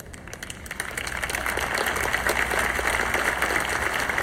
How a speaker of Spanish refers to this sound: Uy, los aplausos están disminuyendo hoy aquí.